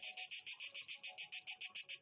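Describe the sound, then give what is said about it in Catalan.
Cicada song in hot weather: a loud, high-pitched buzzing chirr pulsing in rapid, even bursts, about seven or eight per second, continuing steadily with no voices. “Hem de dir que jo duc dies mirant, bé, escoltant cigales, tots, perquè amb aquesta calorada canten a ple pulmó o a plena membrana.”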